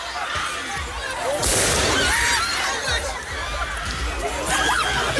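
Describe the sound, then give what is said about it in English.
Sharp bangs and pops, apparently fireworks, burst out repeatedly over a loud, noisy crowd of protesters outdoors in a Paris suburb, with shouting and commotion filling the background throughout. “Hear what seems to be fireworks going off there.”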